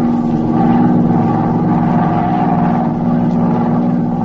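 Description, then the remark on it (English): A propeller plane circles the city of Osborne at high altitude at night on a clear night, its engine droning steadily without pause, a deep throbbing hum with a slightly rough, pulsing texture that holds an even level throughout. “An hour later, her plane circled the city of Osborne at a high altitude.”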